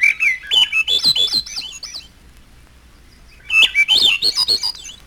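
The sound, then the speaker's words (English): An olive-backed thrush sings two rising, spiraling phrases of flutelike whistles, each about two seconds long, separated by a brief quiet pause; clear and alone. “Olive-backed thrush.”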